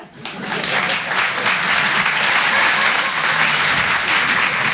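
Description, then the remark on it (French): An audience at a French-language show bursts into sustained applause in answer to the performer asking whether people have friends, a dense, steady wash of many hands clapping that swells quickly at the start and stays loud throughout. “Par applaudissement, est-ce qu'il y a des gens qui ont des amis?”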